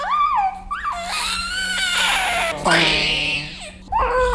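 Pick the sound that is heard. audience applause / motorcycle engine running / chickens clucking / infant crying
infant crying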